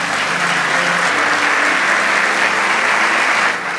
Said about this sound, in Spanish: Vamos, dale ese aplauso.